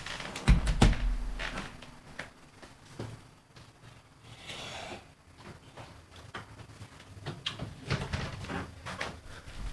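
A door is pushed shut, a low thud with a rattle of the latch early on, followed by scattered soft clicks and handling noises.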